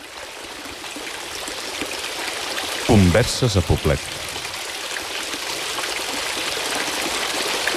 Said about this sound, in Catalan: Anem a mullar-nos una mica les mans? Doncs sí, amb aquesta aigua que fa exactament el mateix so que la de l'Alhambra de Granada